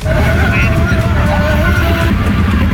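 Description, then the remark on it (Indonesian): Dense two-way road traffic rumbles steadily and loudly in front of the McDonald's at Watugong after an electric car accident, a wash of engine drone and tire noise with humming motor tones rising and falling as slowing vehicles stream past without a break. “Iya kawan, kondisi lalu lintas masih padat ya, dua arah.”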